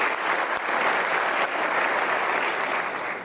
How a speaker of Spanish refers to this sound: Muchas gracias. Están presentes acá y realmente un aplauso.